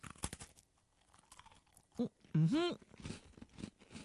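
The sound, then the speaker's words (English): A brown, orange-flavoured cream biscuit is bitten with a few sharp crunches, followed by quieter chewing and a short hummed vocal sound in the middle. “Well, satisfying crunch.”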